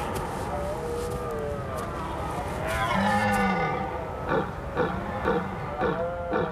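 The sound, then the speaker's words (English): Red deer stags roar during the rut in mid-September in the high country, their voices echoing from rock walls: deep, drawn-out bellows rise over a steady rushing background, then give way to a series of shorter, rhythmic grunting calls near the end. “Their rough voices echo from the rock walls.”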